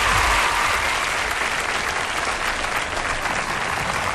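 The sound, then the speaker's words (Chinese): Steady, dense applause from an audience at a xiangsheng (crosstalk comedy) performance in a Beijing comedy and humour contest, welcoming a pair of young crosstalk performers: a continuous crackle of many hands clapping at a fairly loud, even level for about four seconds, with no voices over it. “当然，这掌声再热烈点更好。”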